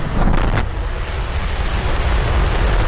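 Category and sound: vehicle, starship rocket launch roar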